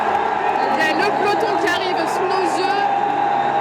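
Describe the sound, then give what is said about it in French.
A street crowd on rue Le Pic roars and cheers in a dense, steady wall of sound, with overlapping shouts and voices rising above the constant loud din throughout. “Est en train de se soulever, ça crie, il y a des relats, c'est assez magique à vivre.”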